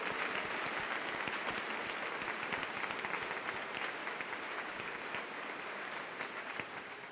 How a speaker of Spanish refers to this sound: Un aplauso por esos 10 años.